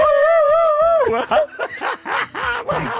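A dog lets out a wavering, drawn-out howl, then breaks into a quick run of about half a dozen sharp, high yelps, loud, with no one talking.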